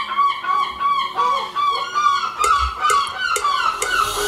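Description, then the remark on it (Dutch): Seagulls call over one another in a continuous stream of loud, nasal, wavering cries, with a few sharp percussive bursts scattered through and no talking. “Maar ik merk hier, de Kink hebben ook wat aversie tegen meeuwen.”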